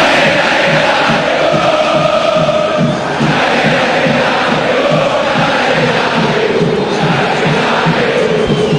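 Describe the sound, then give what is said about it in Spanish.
A huge football stadium crowd of Boca supporters shouts and roars without pause during a scuffle between players, a dense, loud wall of voices carried along by a steady rhythmic pulse of chanting throughout. “Y grita la gente, escuche a la gente de Boca, escuche.”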